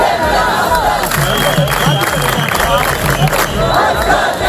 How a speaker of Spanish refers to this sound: En España, miles de mallorquines toman las calles de Palma en una protesta masiva contra la masificación de turistas.